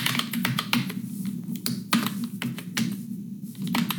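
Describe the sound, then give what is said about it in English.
Rapid, irregular clicking of keys on a computer keyboard, steady over a low constant hum, with no voices. “That's a keyboard, typing keyboard.”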